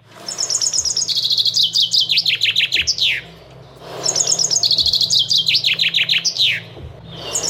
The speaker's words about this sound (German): Jetzt kommt der Vogel Nummer 2.